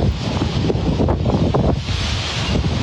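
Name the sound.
strong wind gusts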